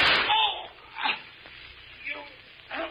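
A single sharp gunshot bursts out at the very start, then fades into quieter stretches broken by a few short, strained vocal sounds.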